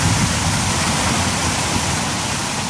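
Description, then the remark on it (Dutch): Water gushes steadily and loudly into a basin, a dense continuous roar of pouring and splashing, with no voices over it. “En daar gaat het water de bak in.”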